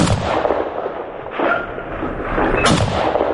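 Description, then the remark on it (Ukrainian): Loud gunfire, shot at a drone hovering over the front line, cracks out in three bursts roughly a second apart, each sharp report trailing into a rough, rumbling wash of noise that never fully drops away. No one speaks. “А ну дай, я його попитаюся збити.”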